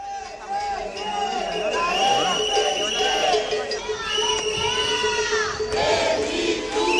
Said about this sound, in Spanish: Efectivamente, la estampa nos lleva hasta el barrio bilbaíno de Atxuri. Este era el momento de esos gritos, esa confrontación entre policía y concentrados.